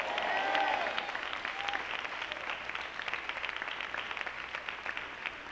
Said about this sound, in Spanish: Le da un aplauso al Señor, aleluya.